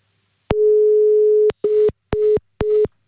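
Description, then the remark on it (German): A loud telephone line tone holds for about a second, then breaks into short, evenly spaced beeps of a busy signal as a radio host redials a caller's mobile phone, clear with no voices. “Jetzt geht er nicht dran. Vielleicht war es der Akku von seinem Handy, vielleicht war ich es gar nicht.”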